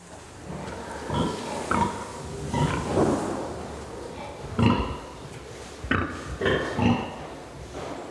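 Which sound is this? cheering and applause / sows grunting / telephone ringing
sows grunting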